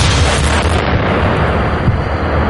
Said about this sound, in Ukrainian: Вибух шахеда дав мінімальне проникнення в товщу бетону і всередині не було жодних уламків.